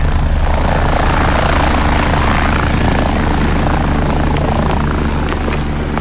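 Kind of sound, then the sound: vehicle, helicopters landing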